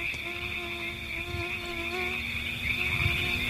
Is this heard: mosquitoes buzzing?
yes